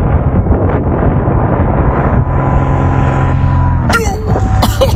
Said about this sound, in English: And then when you hear the interruption, that is a small airplane flying directly between the person and the parachute of the paraglider right in front of them, right above them.